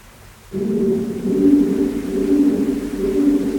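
Low, droning coos of pigeons in a cave smear together in an echo, a steady murmuring warble that swells in after a brief quiet and continues without a break; the pigeons are in another part of the cave.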